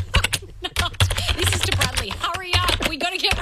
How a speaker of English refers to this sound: Oh, are you typing out an email to him now?